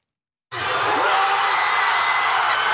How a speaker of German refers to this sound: Nicht einfach nur Jubel, direkt eine Explosion aus tausenden Kehlen war das auf Asuncions Fanmeile Palmas und Alberdi beim 1:0 gegen die deutsche Elf nach 42 Spielen.